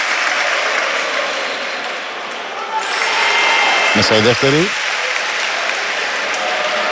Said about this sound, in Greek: Ο κόσμος τον χειροκροτεί για να τον ενθαρρύνει.